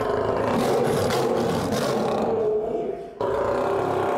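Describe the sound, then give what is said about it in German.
An angry male lion in a zoo's lion house, in the treatment room for a vaccination, roars loudly, a deep sustained rumbling growl that continues with a brief dip near the end, then resumes. No talking. “Und das ist eben beim männlichen Löwen meistens der Hinterschenkel, der Oberschenkel.”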